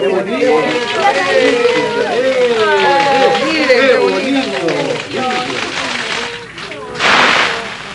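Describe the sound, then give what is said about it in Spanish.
Many voices of young people chatter and call out together in a park, then a short, loud rush of splashing water bursts in near the end as an illuminated fountain's lights are switched on and its water released, before fading back under the crowd. “La alegría comenzó cuando encendieron las luces y soltaron el agua.”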